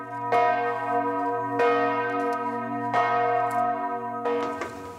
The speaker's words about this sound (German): Wer zur vollen Stunde hier ist, kriegt ordentlich etwas auf die Ohren. Je nach Tageszeit oder an Festtagen schwingen die Glocken unterschiedlich, zum Teil auch mit Glockenspiel.